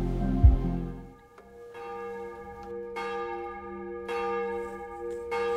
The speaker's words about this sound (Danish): Klokkerne i Domkirken i København ringer ind til morgenandagt.